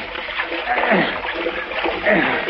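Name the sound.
splashing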